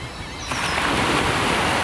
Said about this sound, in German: Die Wellen brechen auf den Strand ein, große Wellen, auch kleine Wellen.